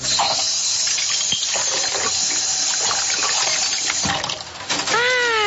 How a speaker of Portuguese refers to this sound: Ah, olha só. Esse menino tá lavando louça. E ele gosta de fazer isso.